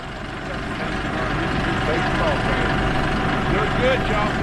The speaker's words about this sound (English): The tractor maneuvered into the corral.